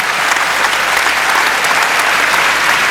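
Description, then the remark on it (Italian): Sustained applause from a live audience for two teams, a dense, steady wash of many hands clapping, loud and even throughout with no voices standing out. “Ma se volete fare un altro applauso alle due squadre, ma potete farlo.”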